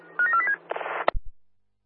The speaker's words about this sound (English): Got the alarm. Thank you. For radio check, over. Thank you, we got the alarm and loud and clear, Bayswater.